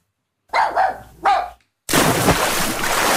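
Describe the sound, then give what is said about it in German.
A few sharp barks from a dachshund and a German shepherd ring out in quick succession at the edge of an outdoor public swimming pool opened to dogs, then a loud, steady rushing noise like splashing water takes over for the rest. “Hey, da, der Dackel und der Schäferhund, nicht rennen am Beckenrand.”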